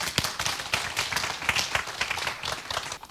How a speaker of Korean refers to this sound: 오늘 이 순간부터 뭐 미래에 대한 건 걱정 안 한다. 오로지 나는 어때? 현재 충실하겠다. 그런 사람만 박수 한번 쳐보세요.